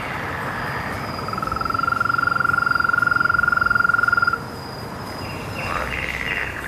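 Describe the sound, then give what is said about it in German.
A frog trills in one steady, sustained run of rapid pulses for a few seconds, clear, then stops, leaving a soft outdoor pond ambience with faint chirps in the background. “Wir gehen dahin, wo Frösche und Kaulquappen hausen, wo Schwanzlurche und Schleichlurche leben und auch Feuersalamander sich wohlfühlen.”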